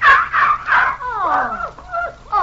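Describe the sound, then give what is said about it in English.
Fairly loud dog whimpering as if lame: three short yelping cries, then drawn-out whines that slide downward in pitch, with one more brief whine at the end. No one talks over it. “Oh, you poor little doggie. Oh, Monty. Honey, you must have hurt your paw.”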